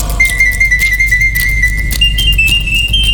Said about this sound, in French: L'oiseau artificiel siffla 33 fois la même mélodie sans être fatigué.